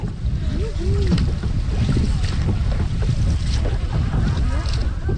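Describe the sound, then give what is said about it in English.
A boat built over a whole year, out on open water for the very first time, with steady wind buffeting the microphone, a constant low rumble and splashing, and faint voices drifting in now and then. “And it was just a joy, the experience of being on the water, the experience of building a boat for a whole year.”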